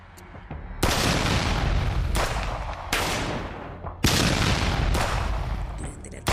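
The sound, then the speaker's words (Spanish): Several loud gunshots ring out at uneven intervals, each a sharp crack followed by a long echoing roll that fades before the next shot, as armed attackers fire on two pickup trucks on a public street. “Se realizaron varios disparos generando pánico entre vecinos y conductores.”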